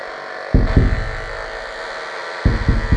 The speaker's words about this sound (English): You might be able to hear that the knife fish is producing a nearly constant stream of electrical pulses. It's using electricity to paint a picture of the environment around